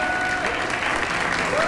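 Steady, dense audience applause fills the whole moment, loud and close, with a faint whistle-like tone gliding through and a hint of crowd voices underneath.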